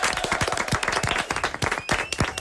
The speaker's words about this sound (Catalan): Fort aplaudiment.